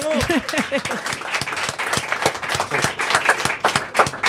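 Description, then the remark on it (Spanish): The audience of the show Quack and Roll bursts into steady, dense applause for a guest, many hands clapping in a continuous rapid patter, with a brief overlapping voice at the start before the clapping carries on alone. “Un cariñoso aplauso”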